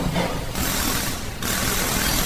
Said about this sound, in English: I'm welcomed by the banging sound of mechanics at work under the hot burning sun. Some are painting cars, some are working on engines, while others are resting under a shade.